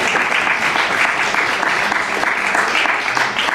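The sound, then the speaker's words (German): An audience claps steadily for several seconds, a dense, even patter of many hands with a bright, crackling texture and no pauses, loud throughout. “Die Frage verdient keinen Applaus, weil die Prämisse falsch ist.”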